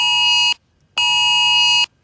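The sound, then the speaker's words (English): A loud, harsh emergency alert tone from a phone blares in two steady bursts, the first short and the second longer, with a brief silent gap between them and no voices. “And then the sound just starts going off. Everyone's phone goes off.”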